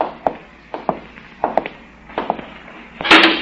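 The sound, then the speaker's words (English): A series of soft, uneven footfall-like thumps, then a sudden loud, harsh burst as a great heavy door swings open from the outside at the end. “Jove, I never get over how that great door opens so loudly from the outside and closes without a sound from the inside.”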